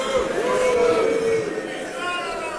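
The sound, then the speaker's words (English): A large crowd at the annual gathering of the Conservative Political Action Conference in Texas boos Texas Senator John Cornyn loudly and steadily, one drawn-out low 'boo' rising above a dense wash of jeering voices that fades slightly toward the end. “That's the crowd at the annual gathering of the Conservative Political Action Conference in Texas earlier this year.”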